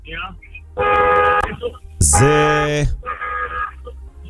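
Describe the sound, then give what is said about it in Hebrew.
A Mercedes van horn honks three times in short, steady blasts, the middle one longest and loudest, with brief pauses between and no talking over them. “אולי אתה מאזינים צריכים לזהות לפי הצופר איזה רכב זה, מה אתם אומרים?”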